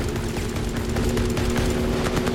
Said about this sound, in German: Es ist so laut, dass ich den Helikopter erst bemerke, als der Suchscheinwerfer über den Bug tanzt.